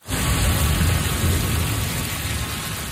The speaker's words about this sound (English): A storm in swift current last night brought heavy rainfall and hail.